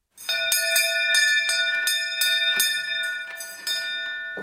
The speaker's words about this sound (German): Edmund Schimmeter läutet mit der alten Schaffnerglocke.